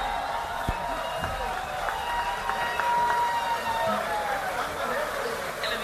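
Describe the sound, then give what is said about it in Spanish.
A large festival audience applauds and cheers steadily for several seconds for an invited guest, a dense wash of clapping and voices at a fairly constant level. “Bueno, quiero pedir aplauso para un gran amigo también, que bueno, viene todos los años.”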